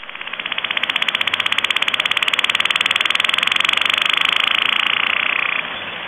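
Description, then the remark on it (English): A whale in the Atlantic, a species closely related to the Pacific 'Boeing' caller, makes a thump train: a rapid, evenly spaced series of pulses running steadily for about six seconds, loud and buzzing like an idling engine, with no voices. “They call those thump trains. It's just a fast series of pulses.”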